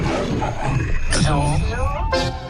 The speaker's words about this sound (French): C'est toute la puissance du lion dans votre transistor.